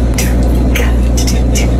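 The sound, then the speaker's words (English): Backstage at a band's concert, a band member imitates drums with the mouth, making a loose rhythm of sharp hissing 'tss' bursts like cymbal and snare hits over a steady low background hum, fairly loud. “Can you tell me what sound drums make?”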